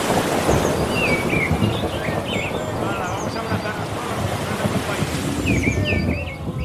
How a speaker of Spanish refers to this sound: Y algún trueno.